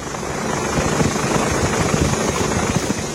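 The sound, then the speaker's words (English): A loud, continuous engine roar from a firefighting airplane passing overhead as firefighters drop water on the last hotspots of forest fires, a broad rushing drone with a rhythmic low rumble pulsing underneath and no voices. “On Friday, firefighters were continuing to drop water from airplanes in an attempt to control the last hotspots of those fires, which raged for days on end.”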